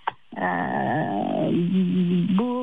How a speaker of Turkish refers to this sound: Horoz mu ötüyor? Evet. Ya o kadar duymayalı o kadar bir zaman oldu ki.